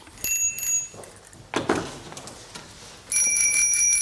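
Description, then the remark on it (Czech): Bright metallic bicycle bells in a bicycle shop ring in two bursts as someone tests them, a short trill at the start and a longer, louder rapid ringing at the end, with some scraping handling noise in between. “Dobrý den, já zkouším zvonky. Ano. Některé zvoní málo, některé vůbec ne.”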